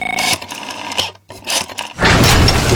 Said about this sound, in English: That's not just the sound of a struggling air conditioner. That's a cry for help.